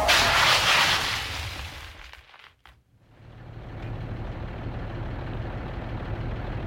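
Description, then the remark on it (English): A car skids on a road icing up in a hailstorm with a loud, hissing rush of tire noise that cuts off abruptly, followed after a brief silence by a low, steady engine rumble. “Stop the car, honey. You have to stop. I am, but we're skidding.”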